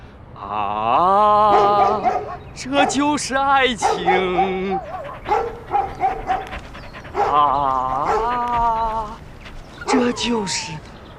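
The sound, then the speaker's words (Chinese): Loud dog-like barking mixed with drawn-out, wavering howls and whines, coming in several bursts with short pauses between them. “哪儿狗叫？”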